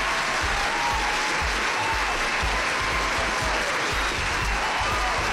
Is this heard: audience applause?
yes